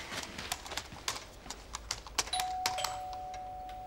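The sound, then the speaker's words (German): Light rhythmic tapping and clicking, like footsteps, then a doorbell rings out with a steady, sustained electronic tone that holds through to the end. No one speaks. “es hat geklingelt.”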